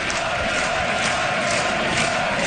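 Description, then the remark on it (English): A large crowd of Parti Québécois supporters cheers steadily as leader Paul Saint-Pierre Plamondon takes the stage as Quebec's premier designate, a dense, loud wash of voices and noise that holds at a constant level with no pauses and no single voice standing out. “Saint-Pierre Plamondon, who led the party from three seats to victory in a divided five-party race, addressed a large crowd of supporters waving Quebec.”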